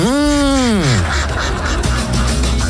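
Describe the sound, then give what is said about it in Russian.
A single loud, drawn-out goose honk, its nasal pitch sagging downward over about a second, then giving way to a dense, busy wash of background noise. “Ну вот есть гуси.”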